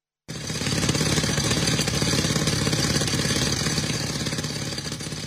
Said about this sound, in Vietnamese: Tiếng máy khoan bê tông vang vọng giữa núi rừng khi tổ công tác quy tập hài cốt liệt sĩ thuộc Bộ Chỉ huy Quân sự tỉnh Tuyên Quang phải phá những khối đá lớn để tìm kiếm dấu vết tại các điểm cao của chiến trường Vị Xuyên năm xưa.